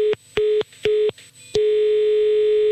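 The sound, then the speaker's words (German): A phone line clicks off, then a steady tone pulses in several short beeps before settling into a long continuous tone, loud, with no voices. “Und Sie sehen jetzt zu, ich werde jetzt auflegen.”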